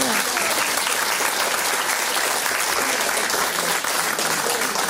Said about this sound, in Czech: Takže já mám radost, že jsme zvládli tohle vstupní téma, my vám zatleskáme, holky.